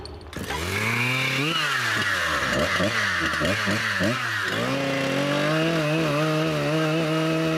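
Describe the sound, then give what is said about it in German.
A mobile sawmill's engine roars, revving and dipping in pitch several times before settling into a steady, loud drone as the blade saws a flat face into a round log lying on sleepers. “Wann immer ab jetzt eine Fläche gesägt werden muss”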